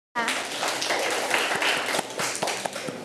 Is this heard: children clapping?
yes